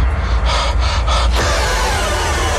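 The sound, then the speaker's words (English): Heavy, ragged breathing in a scary movie trailer: a few sharp, gasping breaths in quick succession, then a steady rushing, rumbling backdrop with no talking. “Just a lot of heavy breathing in that trailer, isn't it?”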